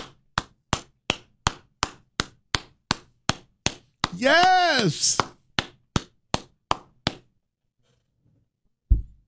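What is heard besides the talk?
audience clapping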